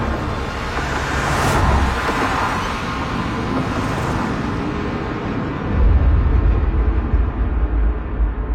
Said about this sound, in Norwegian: Lyden av biler som startet skar gjennom kveldsmørket, og en etter en gled de sorte bilene ut fra plassen og spredte seg utover byen.